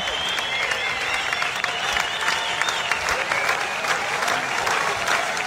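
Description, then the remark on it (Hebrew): Sustained, dense applause from a large audience standing on its feet for a singer on stage, a steady wash of clapping with no pauses, with faint cheering or crowd noise mixed in. “והמחיאות כפיים לא פוסקות.”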